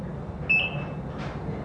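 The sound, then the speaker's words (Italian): A single high electronic beep, steady and about half a second long, rings out clearly over a low background hum, followed by a brief soft hiss. “Ovviamente il finale si può intuire forse da quei beep, questa ragazzina evidentemente oberata da questi impegni continui, dovere di essere sempre iperperformante, poi si ritrova in un reparto ospedaliero per trattare questo tipo di disturbi.”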